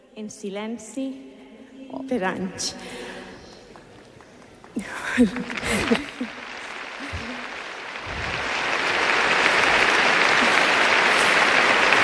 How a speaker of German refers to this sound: Die junge Frau verdient wirklich Applaus für den Mut.